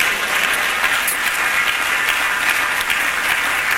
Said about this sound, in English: Clap your hands, say praise the Lord.